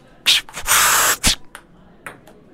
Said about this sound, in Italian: Arbitro che scorreggia, 40 pari.